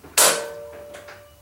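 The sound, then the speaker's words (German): A door handle is pressed with one hand while the door lock is unlocked with the other: one sharp, loud metallic clack with a brief ringing tail, followed by a couple of softer clicks. No one speaks. “die Türklinke und entriegelte mit der anderen Hand das Schloss.”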